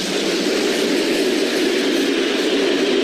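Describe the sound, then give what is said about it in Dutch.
A train braking as it rolls into the station of Alexandrowo: a steady rumble and rushing noise that holds evenly throughout, with no voices. “Zo waren we gereed tegen dat onze trein aan het remmen ging in het station van Alexandrowo.”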